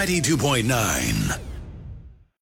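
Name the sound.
whispered scream of excitement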